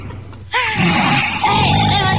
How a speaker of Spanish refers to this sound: ¡Está roncando para ese león de esos de película!